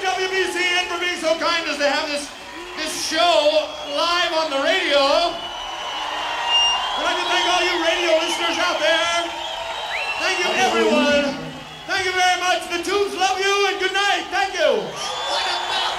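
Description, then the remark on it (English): A large concert crowd at the Orpheum in Boston on Halloween 1981 cheers and whoops continuously, with overlapping shouts and high yells rising and falling, loud throughout, with a brief dip near the end before the roar returns. “The crowd going crazy here this Halloween 1981.”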